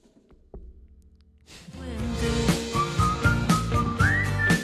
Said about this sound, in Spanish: No sigo con el programa hasta que me mande de nuevo el silbido.